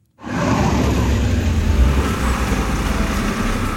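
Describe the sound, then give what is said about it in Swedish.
Loud, steady roar of car engines with a heavy low rumble, throbbing slightly as motors idle and rev, continuous for the whole stretch with no voices, at a motor festival on Öland. “Så där låter det, för nu är vi på motorfestival med amerikansk musik och grejer på Öland.”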